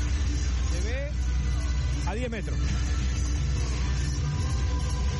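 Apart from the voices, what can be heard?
car driving on highway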